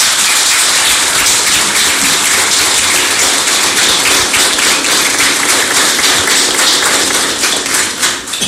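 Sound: audience clapping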